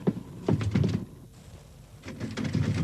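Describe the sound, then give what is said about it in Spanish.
A locked door is tried and rattled: a burst of hard clunks and jiggling, a second of stillness, then another round of rattling thumps. “¿Quién cerró esta puerta con llave?”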